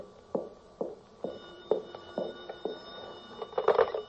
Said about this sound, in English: The phone. No, I'm not going to answer it. Go ahead, answer it, baby.